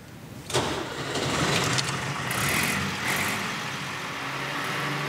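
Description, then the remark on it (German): A vintage Schlüter tractor engine cranks and catches, then settles into a steady, low, rumbling run with a throaty mechanical chug, loud throughout and with no voices. “Schlüter hat einen ganz bestimmten Sound, einen ganz bestimmten Motorsound.”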